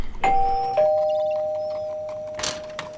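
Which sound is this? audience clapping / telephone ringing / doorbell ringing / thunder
doorbell ringing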